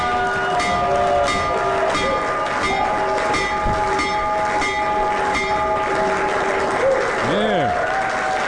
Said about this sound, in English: So, let's, I got some quick hits for you. First of all, ring the bell.